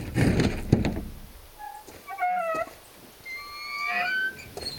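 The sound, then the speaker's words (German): The heavy door of a private crypt on an estate being pulled open: a rough, clattering scrape at first, then drawn-out squealing creaks from the hinges that rise and fall, with no voices. “Hoffentlich ist die Tür nicht verschlossen.”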